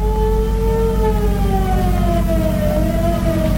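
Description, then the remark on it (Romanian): Police car sirens wail loudly and continuously as they approach, their pitch slowly gliding downward over a heavy low engine rumble, with no talking. “Mașinile poliției, șefule.”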